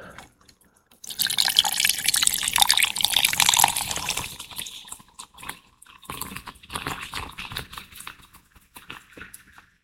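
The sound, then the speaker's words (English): Cola pours into a glass over rum and squeezed lime, making a Cuba Libre, with a steady, hissing splash for a few seconds, then settles into soft drips and light fizzing. No one speaks. “And the fizz.”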